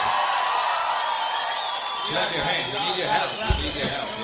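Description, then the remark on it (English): A large audience, including the balcony, claps and cheers together along to a song at the performer's urging, a dense, steady wash of hand claps that grows more distinctly rhythmic partway through, with a single sharper clap standing out near the end. “Clap your hands. Come on.”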